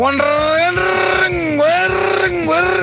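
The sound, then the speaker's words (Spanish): A voice imitates the engine of a motorcycle with a round piston: a loud, continuous throaty drone that pulses rhythmically while its pitch dips and swells for about three seconds. “Y con el pistón redondo hace.”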